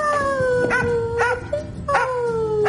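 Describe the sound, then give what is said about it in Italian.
A dog named Joy, a police officer's dog in the Polizia di Stato spot "Se non ti porto non parto", whines in long, high, wavering tones broken by several sharp yips, fairly loud, with no one speaking. “E per sensibilizzare sul tema, la Polizia di Stato ha lanciato lo spot "Se non ti porto non parto", dove una poliziotta dialoga amorevolmente con il suo cane Joy.”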